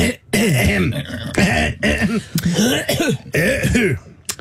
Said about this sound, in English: Sorry, clearing my throat. So you're ready to go there, clearing your throat.